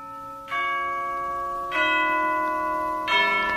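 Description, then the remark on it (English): A tower clock striking 11:45 chimes three resonant bell strokes, spaced a little over a second apart, each ringing on and overlapping the next; no voices. “Only the clock, up there in the tower, striking a 11:45.”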